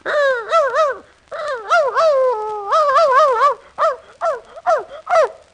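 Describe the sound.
A man working as a professional animal imitator imitates a dog, first in long wavering runs of yelps and whines, then in a string of short, separate barks. The imitation is loud, fairly high-pitched, and has no other speech.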